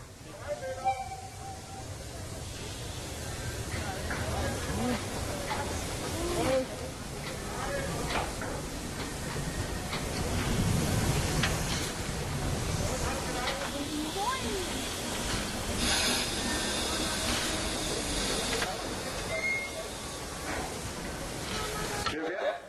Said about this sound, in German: Und wenn eine Dampflok lange stand, werden diese Ventile bedient, der Zylinder nochmal mit Dampf erhitzt, sodass es dort kein Kondenswasser mehr drin gibt und Schäden am Zylinder vermieden werden.